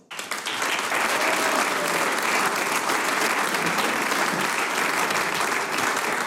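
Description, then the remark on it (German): Steady, dense applause from an audience at an event in Lassnitzhöhe welcoming a guest onto the stage, many hands clapping at once in a continuous loud wash that rises quickly and holds for several seconds without a break. “Es dreht sich nämlich viel um den Genuss und eine, die das weiß, darf ich jetzt mit einem großen Applaus auf die Bühne bitten.”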